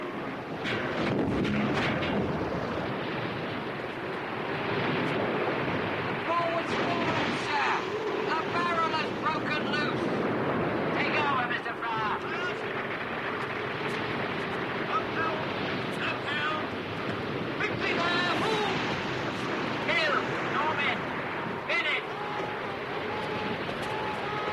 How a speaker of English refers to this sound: A ship's bow smashes through another huge wave.